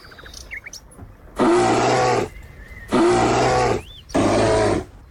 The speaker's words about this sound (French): Non, c'est pas une machine, ça. C'est un parkside ? Non, c'est un animal, mais après lequel Alors ? Un âne, non ? Un ours. Un ours. Ah oui, c'est pas la même chose, alors. Alors, un ours.